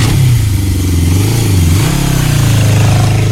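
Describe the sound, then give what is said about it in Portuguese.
A motorcycle with a loud, modified exhaust revs as it passes, its deep engine note rising and dipping unevenly before settling into a steady, rumbling drone. “É, ninguém consegue ficar sossegado porque esse cidadão aí tá passando com essa moto com escapamento, perturbando os nossos ouvidos.”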